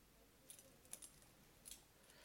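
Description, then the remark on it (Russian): A small bunch of keys, including an office key, jingles in a few short metallic bursts as they are handed over, bright and clinking, with no talking. “У тебя есть ключ от кабинета? Есть. А что? Дай-ка его сюда.”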